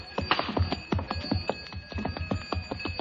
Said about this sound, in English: As I stood and listened to the camel bells fade away in the distance, I wondered...